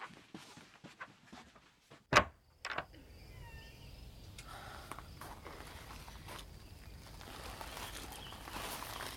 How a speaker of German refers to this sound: Psst, ganz leise. Hast du die Tür zugemacht? Hab ich.